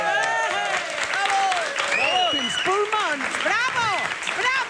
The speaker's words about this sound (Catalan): Gràcies, gràcies. Gràcies pels seus aplaudiments. Gràcies a tots.